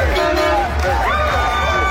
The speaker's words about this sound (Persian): این سر صداهای خیابانهای نروژه.